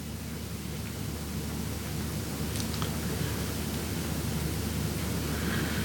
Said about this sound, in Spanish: Comenzó a llover otra vez en Valdivia.